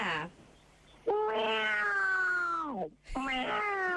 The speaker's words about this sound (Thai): คือต้องมีเสียงแมวด้วยใช่ไหมคะ ค่ะแล้วแมวจริงก็มีอยู่เนี่ยในก็นั่งนอนฟังอยู่เนี่ย